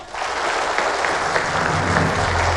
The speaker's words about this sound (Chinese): 我们掌声有请各位。